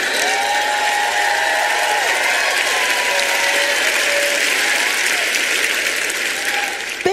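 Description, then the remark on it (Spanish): An audience at a Joyce Meyer Ministries service claps loudly and steadily for several seconds, a dense, continuous wash of applause with faint voices and cheers rising through it before it trails off. “No quiero aplausitos de bebé hoy, quiero que aplaudan fuerte, amén.”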